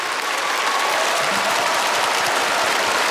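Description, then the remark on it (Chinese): A large audience at an awards ceremony claps steadily and continuously for the nominees of the Outstanding Actor award, a dense wash of applause filling the whole stretch at a loud, even level, with no talking over it. “我觉得不能厚此薄彼，优秀男演员奖的提名奖已经揭晓，也同样让我们现场响起热情的掌声，为所有提名的优秀男演员们鼓掌。”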